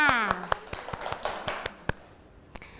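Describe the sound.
A handful of people clap briefly in scattered, uneven claps close by, fading out after a couple of seconds, with a voice speaking briefly at the start.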